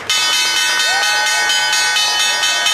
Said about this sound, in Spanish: El secretario de Estado, Marco Rubio, tocó la campana de apertura en la Bolsa de Valores.